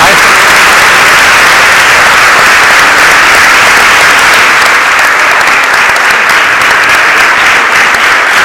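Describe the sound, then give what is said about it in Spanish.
A live audience at a radio broadcast in Valderrobles applauds loudly and steadily, a dense wash of many hands clapping that fills the whole stretch without pause, sustained from start to finish. “si no me falla la memoria, también le van a aplaudir, porque la radio vive de esta complicidad, de este vínculo entre los oyentes y los que la intentamos hacer cada mañana.”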